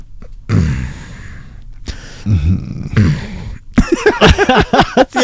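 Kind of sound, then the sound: vocal imitation, imitated heavy breathing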